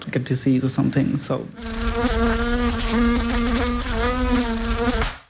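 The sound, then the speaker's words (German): A loud mosquito buzz drones steadily for several seconds with a slightly wavering pitch, preceded by a brief burst of short, choppy plucked notes. “Man kann Mücken mit Bakterien infizieren.”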